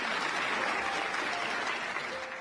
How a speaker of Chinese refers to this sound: 谢谢，掌声